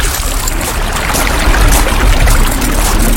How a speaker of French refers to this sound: Ferme les yeux et imagine-toi marcher le long d'une rivière.